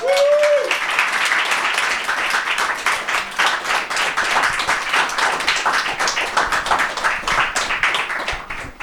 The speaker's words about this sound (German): Euer Applaus, Leute.